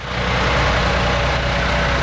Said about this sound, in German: Ein paar Wartehäuschen, ein paar Halteschilder, Menschen, die einsteigen in den Bus. Das ist der zentrale Omnibusbahnhof in Sulingen.